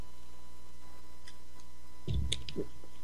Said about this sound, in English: Let me cough here for a second. I get a slurp of water here.